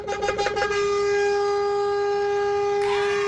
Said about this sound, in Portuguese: Olha a hora da buzina, 2:27, bom dia!